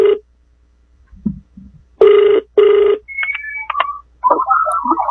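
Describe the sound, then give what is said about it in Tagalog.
A telephone rings in a double burst as a call is placed to a user of Wonder Herbal Oil who contacted a testimony hotline: two buzzy, steady tones back to back, followed by scattered higher electronic chirps and warbling tones; no one speaks. “Karon ato ning tawagan kay matud pa niya nga disgrasya kuno siya sa motor unya na bali ang punuan sa iyang abaga.”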